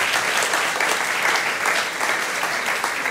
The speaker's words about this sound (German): Ich merke das, Ihr Applaus hält sich im Rahmen, ist alles in Ordnung.